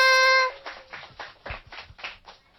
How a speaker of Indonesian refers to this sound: Mana tepuk tangannya?